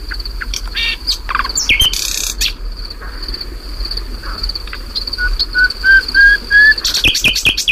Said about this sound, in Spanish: O sea, este pájaro, por cierto, perdona, sí, está cantando en un lugar que anteayer ardió.